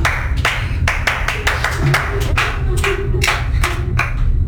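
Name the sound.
clapping applause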